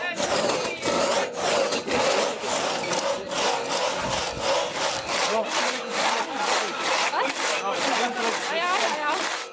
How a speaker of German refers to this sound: Deutlich anstrengender war dann wohl das Holzsägen auf Maß, welches vorher aber nicht abgemessen werden durfte. Hier galt es, gutes Augenmaß zu haben und schnell zu sägen.